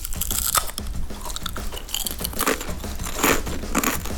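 Crunching of crispy potato chips being bitten and chewed, a steady series of crisp, loud crackles with brief louder bites, no voices present.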